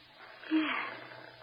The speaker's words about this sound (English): Just pat her and she'll stop crying. She'll purr. Just pat her and listen to her purr. See?